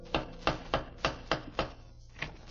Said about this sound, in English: It was just 8 o'clock as I went up the creaky steps across the porch and knocked with the old-fashioned knocker.